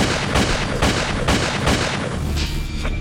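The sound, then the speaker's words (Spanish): A rapid series of six loud gunshots, about four sharp blasts in quick succession followed by a couple of fainter ones, ringing over a dense, noisy background. “Minutos después, se escucharon 6 disparos.”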